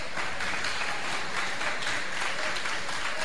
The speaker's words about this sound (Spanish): Dale el aplauso para Jesús de Nazaret.